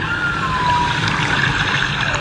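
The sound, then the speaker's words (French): Humpback whale song recorded off Dakar: a thin, wavering tonal call that slides gently downward, then a few brief higher chirps, all over a steady wash of underwater hiss. No one speaks. “Bouche bée, installée à leur table d'écolier, la trentaine d'élèves de cette classe de CM2 écoutent religieusement l'enregistrement d'une baleine à bosse réalisée au large de Dakar.”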